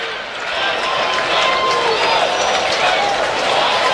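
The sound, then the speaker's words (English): A large baseball crowd keeps up a steady, sustained roar of cheering to encourage pitcher Soriano, one strike away from ending the inning on a 1-2 count to Lopez; a dense wall of voices that swells slightly and holds at a fairly loud level throughout. “Oh, the crowd is encouraging Soriano here, who's one strike away from getting out of this mess and keeping it 2-1.”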